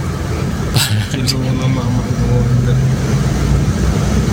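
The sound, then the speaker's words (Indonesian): Many trucks rumble steadily in traffic on a road with rising tidal flood water, a low engine drone running throughout with a couple of brief hissing bursts near the start, like air brakes. “Truk-truk banyak.”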